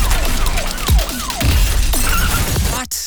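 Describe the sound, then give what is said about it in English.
A short advertising jingle for Accident Claims Lawyers, pieced together from car crash sounds: repeated falling, siren-like pitch sweeps over thuds and crunching impacts, ending in a sharp shattering burst of glass. “Every single piece of this jingle was made from the sound of a bingle.”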